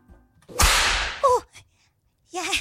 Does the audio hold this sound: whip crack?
yes